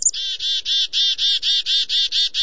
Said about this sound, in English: When there's danger nearby, black-capped chickadees make a distinctive alarm call. In fact, chickadee alarm calls are understood by dozens of other species, including birds and birders.